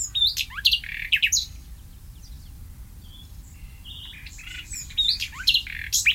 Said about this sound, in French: on peut rappeler que le rossignol fait souvent entendre son chant mélodieux la nuit, mais qu'il voit sans doute mal dans le noir.